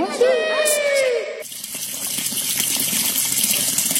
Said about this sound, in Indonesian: Eh, itu keran kenapa nyala mulu?